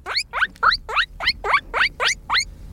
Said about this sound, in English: Guinea pig. Classic.